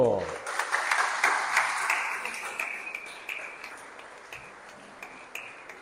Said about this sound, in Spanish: Ahí está, un aplauso.